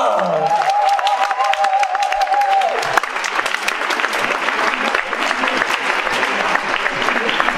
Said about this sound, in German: Bitte einen Applaus für Philipp Meiner!